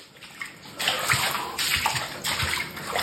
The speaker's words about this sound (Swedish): I ett videoklipp som man sparat ser man hur golven täcks av en gråbrun sörja. Fy fan. Det är avloppsvatten som har pressats upp bakvägen av regnmängderna upp genom golvbrunnen i duschen.